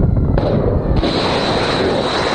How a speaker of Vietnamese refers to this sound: Tiếng nổ lớn được ghi nhận tại khu vực phía nam Iran, trong đó có Bandar Abbas, Minab và Sirik. Hệ thống phòng không Iran cũng được kích hoạt tại nhiều địa phương.